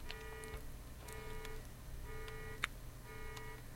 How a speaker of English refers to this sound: And so, some kind of alarm going off. I'm not sure what that's to. There it goes.